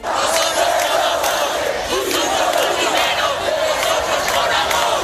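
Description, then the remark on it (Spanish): A large crowd of protesters in the Puerta del Sol on the National Day chants slogans such as "aquí están los antifascistas", a loud, continuous roar of many voices with a rough rhythmic pulse running through it for the whole stretch. “Desde los manifestantes de Sol se ha coreado "aquí están los antifascistas", mientras que desde el lado contrario se han escuchado proclamas contra el presidente del gobierno, Pedro Sánchez, "rojo el que no vote"”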